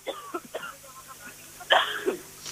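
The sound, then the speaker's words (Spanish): A quick cough bursts out amid a few faint breathy sounds, standing out as the loudest moment in an otherwise quiet stretch with no speech. “ha dado un golpito de tos a …”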